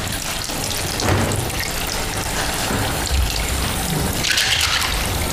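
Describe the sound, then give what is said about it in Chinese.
Steady running water from a tap fills the scene, a continuous hiss and splash with occasional clinks, like dishes being rinsed at a sink. No one speaks. “我做饭，他洗碗，今天该他洗碗，我来帮他的。”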